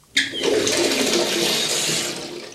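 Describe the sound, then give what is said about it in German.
Hot water gushes from a tap into a bathtub as more hot water is added to a bath, starting abruptly and continuing as a loud, steady rush for a couple of seconds, with no voices. “Ich glaube, noch ein paar Tropfen Heißes und man könnte sich einigen.”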